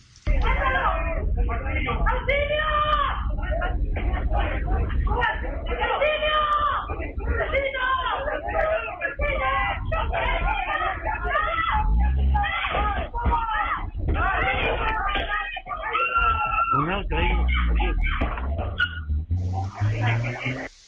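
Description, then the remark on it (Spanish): Frantic shouting and screams for help from robbery victims fill a muffled, lo-fi surveillance-camera recording, broken by repeated sharp thuds of blunt objects thrown at the robbers as victims and neighbours resist. “Claro, se escucha ahí primero los gritos de auxilio de las víctimas, los golpes de estos objetos contundentes lanzados y también la huida de estos delincuentes finalmente.”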